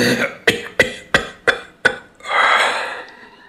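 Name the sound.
coughing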